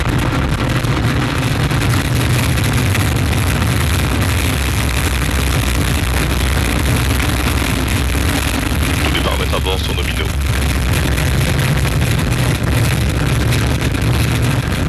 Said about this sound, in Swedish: 9, 8, 7, 6, 5, 4, 3, 2, unité, top, allumage Vulcain. Allumage confirmé. Top, allumage EAP, décollage.